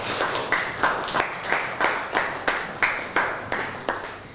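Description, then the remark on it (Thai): A classroom group claps in steady unison for classmates after their presentation, a quick even rhythm of about a dozen sharp, bright claps that stay fairly loud throughout, with no voices over them. “นั่งลงครับปรบมือให้กับเพื่อนหน่อย”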